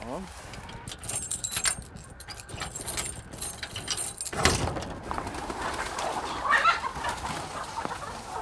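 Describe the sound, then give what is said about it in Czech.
Keys jingle and metal clinks as the lock on the gate of a hen enclosure is worked, then a single heavy clunk as the gate swings open, followed by soft clucking and cooing of the hens. “Tak jo, tak můžeme otevřít vrata.”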